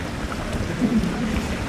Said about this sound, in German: Noch hört man nur das Plätschern der Brunnen auf dem Pirnaer Marktplatz.